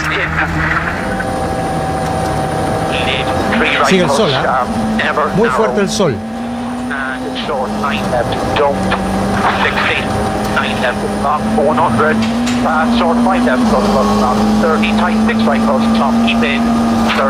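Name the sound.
rally car engine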